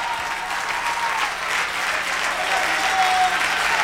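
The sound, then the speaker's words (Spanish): An audience applauds for Christ in a dense, steady wash of many hands clapping, holding at an even loudness and swelling slightly toward the end, with no voices standing out. “un aplauso a Cristo, que Él se lo merece.”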